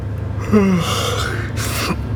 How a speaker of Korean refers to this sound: 눈을 빠르게 깜빡이며 졸음을 떤쳐냈다. 하품이 나왔다.